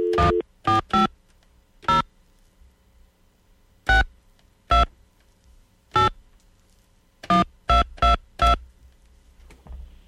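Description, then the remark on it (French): A telephone being dialed to call a place called Super Sex: a series of about a dozen short, sharp keypad tones in irregular bursts, clear, with quiet gaps between and no voices. “Ça a-tu sonné?”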